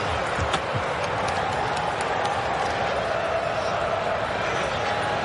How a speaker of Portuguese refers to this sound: Nesse período de acréscimo, torcida brasileira comemora.